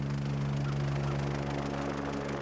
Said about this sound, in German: Ja, für ihn ist es sicher ein bisschen aufregend, er hat ein bisschen Angst vor dem Hubschrauber natürlich, das Geräusch.